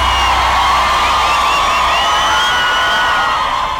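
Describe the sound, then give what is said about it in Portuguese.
A crowd cheers and shouts loudly and without pause after being asked to make noise and raise their hands if they liked it, many high voices whooping and yelling over one another in a dense, sustained roar. “Quem gostou faz barulho, joga a mão lá em cima.”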